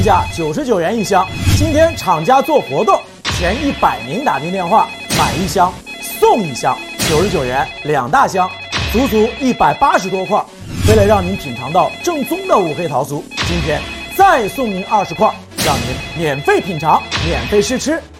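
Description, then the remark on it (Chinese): A phone ringtone repeats steadily for the whole stretch, a bright, loud electronic tone pattern recurring every couple of seconds over a busy, jingly background. “现在拨打电话。”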